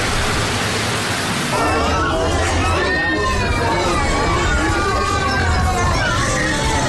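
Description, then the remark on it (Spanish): Busy ambience of a crowded hospital nutrition ward, the main nutrition referral centre in Dainail, Mogadishu, Somalia, with its three wards fully saturated: a dense, steady babble of many overlapping voices, including some children, loud throughout, with no single speaker standing out. “Ambiente y mar del principal centro de referencia de atención a la nutrición, aquí en Mogadiscio, en Dainail, en un hospital donde encontramos las tres salas absolutamente saturadas.”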